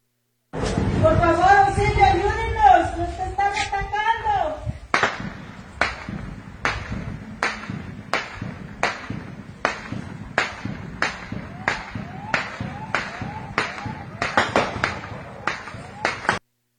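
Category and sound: impact, gunshots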